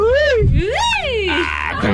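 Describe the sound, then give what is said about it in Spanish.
A loud, high-pitched celebratory Mexican grito, a sustained warbling yell that swoops up and down in pitch, delivered by one voice over a low background rumble. “Seguimos escuchando sus gritos mexicanos.”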